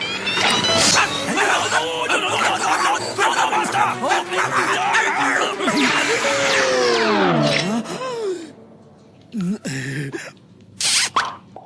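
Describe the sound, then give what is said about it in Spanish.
A dog barks and yelps loudly and frantically amid a noisy, busy scramble, ending in a falling whine, then a few short, sharp barks after brief pauses. “¡Eres un perro malo!”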